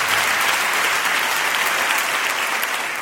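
Sustained applause from a large audience, a dense, steady roar of clapping that stays loud and even throughout, with no voices standing out.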